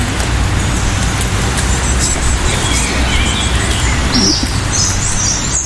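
A European robin sings close overhead while a blackbird's song carries from farther away, both thin high phrases over a steady wash of outdoor background rumble, with no one speaking.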